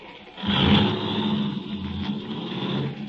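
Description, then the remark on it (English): A car engine starts up and runs with a steady, rumbling drone, holding a constant level as the vehicle gets underway. “Start driving.”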